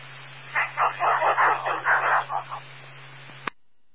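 A dog barks rapidly about nine times in a quick, uneven burst in the background of a radio transmission, heard thin and muffled over a humming radio channel that cuts off with a click.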